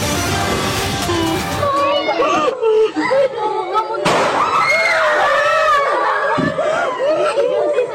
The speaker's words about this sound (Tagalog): Imbes na boses ng nagtuturo na guro, sunod-sunod na putok ng baril ang umalingaw-ngaw sa San Jose National High School sa Tacloban City sa Leyte.